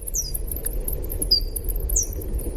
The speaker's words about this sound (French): Gaëlle, qui a la technique, va nous passer un son d'écholocation